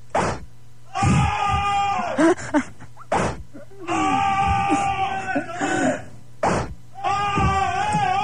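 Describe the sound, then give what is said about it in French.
Several people scream and cry out in pain in three loud, drawn-out, overlapping bursts, with sharp cracking hits at the start of each outburst, as if they were being whipped. “je vais les fouetter à distance, écoute bien. Je vais ouvrir la porte, je vais vous fouetter, attendez.”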